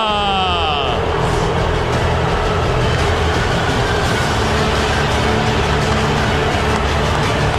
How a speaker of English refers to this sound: Thunderous applause for Lou Piniella, who is coming out to throw the first pitch, and the Lou's are raining down right now.